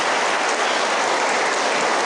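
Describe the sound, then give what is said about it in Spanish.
A crowd applauds those handing over and receiving the vocational cross (cruz vocacional), a dense, even wash of many hands clapping that holds at a strong level throughout with no voices over it. “Quienes la entregan y quienes la reciben, pues vamos a darles un fuerte aplauso a quienes van a entregar la cruz vocacional y a quienes los van a recibir.”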